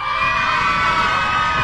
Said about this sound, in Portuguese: Quer ver as crianças? Criançada, faz barulho aí!